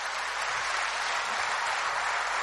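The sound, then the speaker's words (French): Steady applause from an audience, a dense, even wash of many hands clapping with no pauses, holding at the same level for the whole stretch, with no voices over it. “Alors merci pour votre écoute et pour vos applaudissements.”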